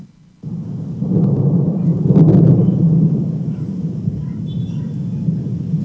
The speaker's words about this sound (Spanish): La tarde y noche de este martes se registró una tormenta eléctrica inusual, la cual duró cerca de 2 horas. Los estruendos se oyeron por toda la ciudad y también las descargas eléctricas aparecían constantemente y con fuerza en Taxco.